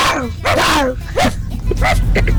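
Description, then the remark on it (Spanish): A person imitates a dog, giving a quick run of four or five yappy, barking and whining yelps with rising and falling pitch. “Yo soy un... Ajá. ¿Sí? Un perro.”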